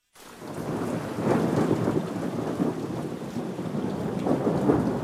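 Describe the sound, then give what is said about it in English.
A steady downpour of rain hisses throughout while deep thunder rolls and rumbles beneath it, swelling in waves across the few seconds with no voices present. “Severe weather can strike at any time.”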